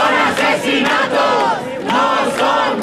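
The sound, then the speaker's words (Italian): A large crowd of protesters marching toward the Parliament in Madrid chants loudly in unison 'they are murdered, not just dead', many voices rising and falling together in repeated rhythmic phrases that swell and dip without pause. “Uniti al grido sono assassinati, non sono semplici morti”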